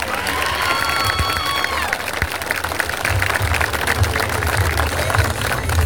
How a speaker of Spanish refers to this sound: Y les pido un fuerte aplauso para ellos.